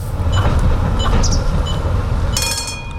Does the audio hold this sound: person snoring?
no